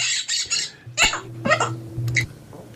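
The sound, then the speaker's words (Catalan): A parrot chirps in several quick, high-pitched bursts, clear, with short pauses between calls and a faint low hum underneath. No one speaks. “I tu, ocell, no te'n ris, que et podria caure una sanció per ser un animal sense xip.”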